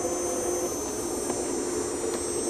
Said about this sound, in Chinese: 这种防蜂服全身密闭，只留头部气孔，通电之后内部风扇运行，带来一丝清凉。